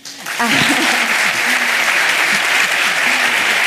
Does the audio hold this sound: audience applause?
yes